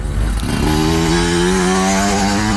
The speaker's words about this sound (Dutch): Hoor je zometeen Jari Helligers met de motocross tijdens een nummer voorbij komen?